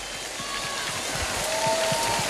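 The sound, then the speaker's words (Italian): An audience applauds after a song performance in a dense, steady wash of clapping that holds an even loudness throughout, with a few faint high, sustained tones rising over it. “giustamente il meritato applauso.”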